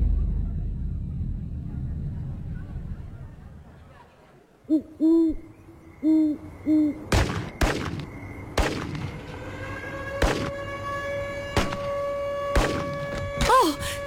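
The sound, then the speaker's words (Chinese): A low rumble gives way to a few hooting alarm tones, then several sharp, loud gunshots crack at uneven intervals while a steady, ringing alarm tone holds underneath. “我听到了警报和枪声。”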